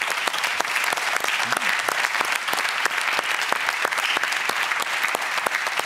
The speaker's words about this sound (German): Applaus